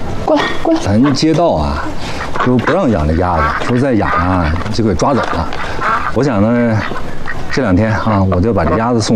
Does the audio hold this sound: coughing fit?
no